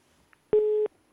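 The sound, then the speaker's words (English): A dropped phone-in call line gives a steady electronic tone lasting about a third of a second, loud and clear, then a second identical beep starts right at the end, like a busy signal. “We lost that one.”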